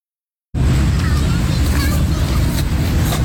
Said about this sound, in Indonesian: Deru mobil dan sepeda motor di Jalan Jenderal Ahmad Yani tak mengalihkan perhatian para pemuda di Taman Link In Park, Rawasari, Jakarta Pusat.